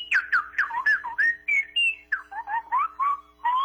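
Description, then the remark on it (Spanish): A woman whistles a quick, warbling melody of short rising and falling chirps, mimicking birdsong, in a steady stream of bright trills over a faint low hum. “¿En dónde aprendió a chiflar así tan bonito?”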